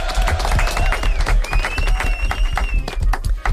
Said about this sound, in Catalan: Aplaudiments.